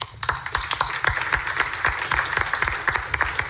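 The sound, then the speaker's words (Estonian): An audience at the 2025 family business conference applauds steadily after a panel discussion, many hands clapping in a dense, continuous patter with scattered sharper claps standing out; no voices are heard. “ja suur aitäh , suur aplaus”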